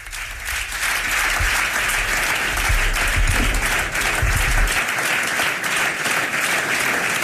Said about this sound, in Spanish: es el aplauso cerrado de la Junta Directiva del Partido Popular al presidente Ceutí, a Juan Jesús Vivas, que en estos momentos se levanta para agradecer con las manos en el corazón el aplauso y el reconocimiento de los suyos.